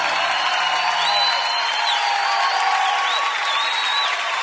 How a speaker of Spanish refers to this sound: Ríndele ese aplauso más fuerte a Jesucristo el Salvador.